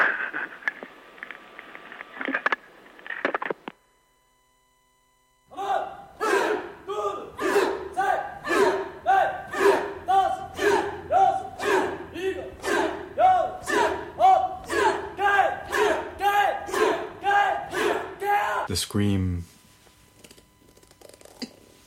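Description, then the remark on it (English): A crowd screams together in loud rhythmic unison, about two bursts per second for roughly fourteen seconds, after a brief stretch of steady noise and a pause. “The scream.”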